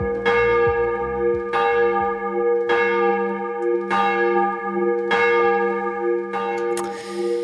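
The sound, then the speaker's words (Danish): A church bell rings out in steady, repeated strikes about every 1.2 seconds, each clang bright and loud with a long, humming resonance that overlaps the next stroke. “Ja, lad os starte med lige sådan at ringe timen ind for alvor.”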